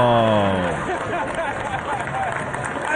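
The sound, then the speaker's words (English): A New York comedy audience reacts to a comedian's joke about 9/11 with a loud, steady wash of cheering and clapping that holds for about three seconds, opening with a single drawn-out voice sliding downward above the roar. “Hear that crowd? They love it.”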